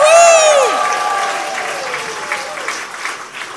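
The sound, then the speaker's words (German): A crowd breaks into loud, sustained applause, opening with a high whooping cheer that slides downward, then steady dense clapping that fades slightly over a few seconds. “Also so ein bisschen so mit Jubel.”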